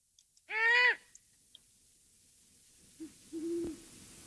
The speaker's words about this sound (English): Let's listen to the call of a female great horned owl.